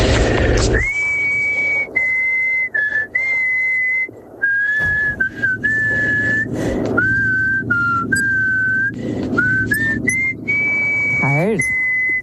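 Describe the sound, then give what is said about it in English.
A person whistles a melody, clear sustained notes shifting pitch in short phrases with brief breaths between them, ending on a wavering, sliding note. “I'm blown away by you, though, with this whistling game.”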